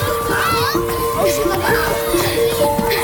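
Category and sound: crowd, children playing outdoors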